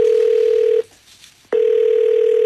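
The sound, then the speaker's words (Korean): A telephone ringback tone sounds loud: a steady electronic buzz, a short gap of near silence, then the tone again, as a phone call still goes unanswered, with no voices. “그리고 여전히 받지 않는 전화.”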